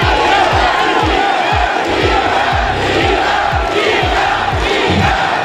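A loud stadium crowd in Toronto cheers and roars continuously in support of Iga Świątek throughout the WTA tournament final against Elena Rybakina, with a steady rhythm of deep thumping beats, like drums or stamping, pulsing about twice a second underneath.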